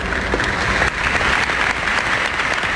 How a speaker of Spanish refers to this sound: Así aplaudían los jienenses el eclipse de ayer